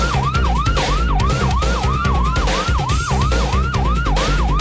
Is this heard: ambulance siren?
yes